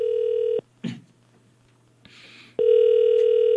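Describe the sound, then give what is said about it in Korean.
A phone line's outgoing ringback tone during a live Far East Broadcasting radio show, calling a listener in Jindo, South Jeolla: a steady electronic hum that stops, leaves a pause of about two seconds with faint shuffling, then sounds again. It is loud and clear, with no talking. “지난번에 전화를 잘 안 받았었는데 오늘 한번 제가 한번 다시 한번 도전해봅니다. 꼭 받으세요.”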